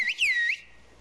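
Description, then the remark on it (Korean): A loud, piercing human whistle in a whistled language used for conversation in short sentences sweeps up and down in a quick melodic phrase lasting about half a second, then cuts off, leaving only faint background hiss. “목소리처럼 휘파람 소리가 다 달라서 휘파람만 듣고도 누구인지 안답니다.”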